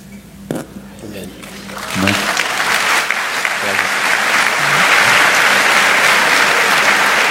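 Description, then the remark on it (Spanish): A voice speaks briefly, then audience applause rises and swells into steady, loud clapping that keeps building to the end. The clapping seems to come from the women in the crowd. “Me parece que son las mujeres que están aplaudiendo.”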